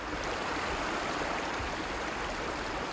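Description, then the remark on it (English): Steady rushing of the flowing Drava River at a riverbank in Delekovec, Croatia, continuous, a broad even wash with a soft gurgling texture and no voices. “On a bank of the Drava River here in Croatia, a wall of pale sand rises steeply out of the water.”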